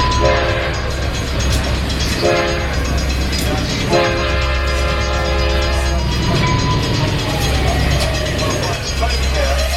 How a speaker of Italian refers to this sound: Attenzione, il treno delle ore 21:30 è in arrivo alla linea gialla.